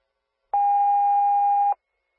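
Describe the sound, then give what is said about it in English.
A single loud, steady electronic tone sounds for just over a second, a fire department dispatch paging tone re-toning Waterford Fire for additional manpower to help an 89-year-old man off the floor, starting and stopping abruptly with silence on either side. “Attention Waterford Fire, these are additional tones for 533 Fairview Circle for manpower for an 89-year-old male that is needing help off the floor, no injuries.”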